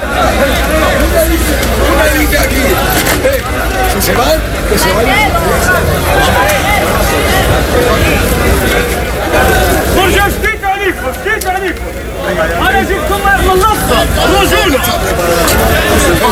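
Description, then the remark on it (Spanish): A loud, dense crowd clamor of many overlapping raised voices, shouting and chattering continuously with no pause, a constant agitated roar: an afternoon tumult with shouting and attempts to push, while riot police fire balls into the air and use batons. “durante la tarde ha habido en algún momento tumulto, es decir, gritos, intentos de empujar para”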